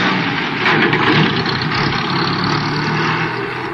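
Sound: car engine driving away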